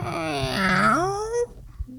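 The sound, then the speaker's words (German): A drawn-out, groaning squeak from a microphone mount being twisted, its pitch sagging then sliding upward for over a second before cutting off, followed by a brief faint squeak. “Dazu muss ich nochmal das quietschende Mikrofon drehen.”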